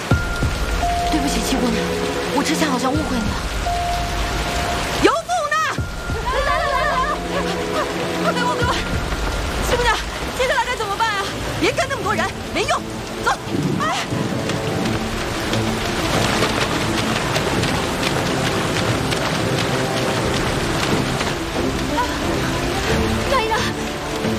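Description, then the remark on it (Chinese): Heavy rain pours down steadily onto hard surfaces in Nanyang, where the streets fill with standing water; a loud, dense, unbroken hiss and patter lasting throughout, with people's voices occasionally heard over the downpour. “你算了，这一路上都得淌水过去，深一脚浅一脚的，我不放心。你到这儿来，把她这个脚拖住，别让雨水泡了伤口。”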